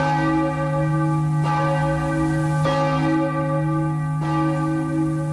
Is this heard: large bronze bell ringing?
yes